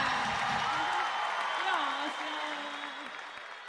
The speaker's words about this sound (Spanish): Aplauso fuerte